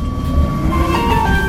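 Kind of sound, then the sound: vehicle, tram running on rails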